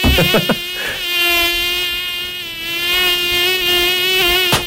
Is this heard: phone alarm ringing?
no